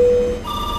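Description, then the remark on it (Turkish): A brief electronic telephone ring tone: one steady pitch that shifts abruptly to a higher pair of tones, clear and fairly loud, with no voices. “Neden telefondan aradınız?”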